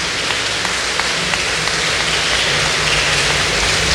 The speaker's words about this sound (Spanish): ¡Que viva nuestro Señor Jesucristo! Damos un fuerte aplauso a nuestro Señor Jesucristo.